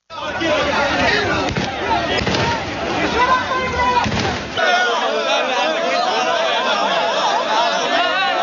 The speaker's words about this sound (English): You could hear the sound of police firing shots in the air as they struggle to contain crowds of people. The authorities have been moving hundreds of migrants from beaches to the port area where tents have been set up.